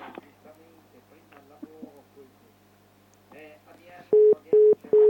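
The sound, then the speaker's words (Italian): Muffled voices talk for a few seconds, then a call connects with three loud, evenly spaced telephone tone beeps, each steady and sharply cut off. “Guardiamo, c'era l'altra telefonata, sentiamola.”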